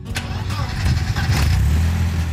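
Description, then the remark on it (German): A classic Mercedes 190 ("Baby-Benz") car engine starts up, a brief crank catching into a loud, steady low rumble that continues to the end. “Das ist der Gänsehaut-Sound für Nina Müller.”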